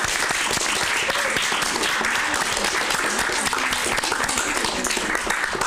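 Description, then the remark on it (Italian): At a contest, the students of class 2C and their teachers applaud themselves steadily for several seconds to give themselves a boost: a dense, continuous patter of many hands clapping, with faint voices mixed in beneath the clapping. “Eccoli qua, allora fatevi un bel applauso, datevi un po' di carica, eccoci qua.”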